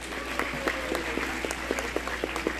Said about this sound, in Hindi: बड़े सम्मान के साथ मैं मंच पर आमंत्रित करता हूं जोरदार तालियों के साथ श्री सुधीर नारायण जी।